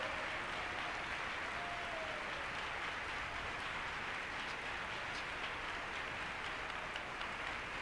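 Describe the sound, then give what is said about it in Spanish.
Sustained, loud applause for the Lord from a large crowd at the Parque de la Industria, lasting about 30 seconds, a steady dense wash of clapping that holds at an even level throughout, with no speech over it. “Démosle un aplauso al Señor. 30 segundos de aplausos.”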